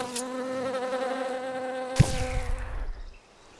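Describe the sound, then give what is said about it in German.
A steady drone of bees buzzing holds for a couple of seconds, then a sharp knock cuts in and the buzzing breaks up and fades away. “Belegt ist aber, dass Bienenstöcke seit der Antike genutzt wurden, um Feinde zu vertreiben.”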